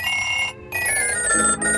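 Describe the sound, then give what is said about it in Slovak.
A telephone rings loudly, its bright metallic bell trilling in bursts with short gaps between rings, and no one speaks. “Nemám dvíhať telefóny, počuješ?”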